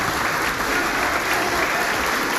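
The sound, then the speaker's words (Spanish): Sustained applause from a large gathering in Peru's Congress of the Republic for President Keiko Fujimori as she prepares to give her message to Congress. A dense, steady wash of many hands clapping at an even loudness throughout, with no voices rising above it. “Pese a ello, los aplausos continúan para la presidenta Keiko Fujimori, quien se presta a dar el mensaje al Congreso de la República.”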